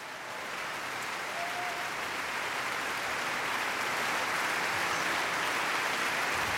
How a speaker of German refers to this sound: Er kommt noch einmal auf die Bühne, verneigt sich und auch das ganze Orchester klatscht für ihn.